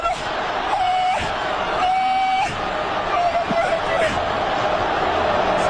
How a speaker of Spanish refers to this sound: Parece una mujer que está queriendo dar a luz. ¿O qué? No, ese es el grito. Es más diabólico el grito de la mujer.